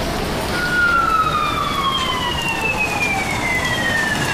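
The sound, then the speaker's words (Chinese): A police siren sweeps past, its wailing tone sliding steadily lower as the vehicle moves away, heard over a constant hiss of rain and street noise. “刚才听到了警笛， 是吧？”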